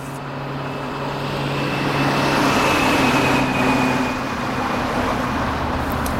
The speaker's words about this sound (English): Why do they keep feeding street noises into the sound system? We haven't had street traffic in 3 generations. They say it keeps people awake and aware. I just tune it out most of the time.